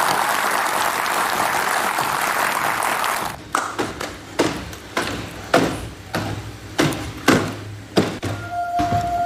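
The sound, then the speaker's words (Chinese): A crowd's dense applause for a few seconds, welcoming a Walker C1 robot that is about to show the audience a talent, then it cuts off and a series of evenly spaced, heavy thumps follows, with a faint steady tone toward the end. “我们会有一台我们 UB 选的这个 Walker C1 的机器人，今天让大家给他展示一段才艺，给到我们的这个观众们看一看， 来，掌声欢迎。”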